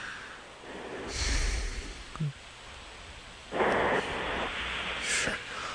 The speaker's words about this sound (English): Now, that's snoring. It's in the cadence of a snore.